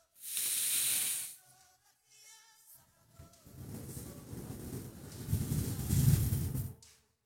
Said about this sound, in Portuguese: Então, bora lá, respirando, puxando pelo nariz, soltando pela boca, agora comigo, aquela respiração do diafragma, aquela que empurra a barriga para frente, tá?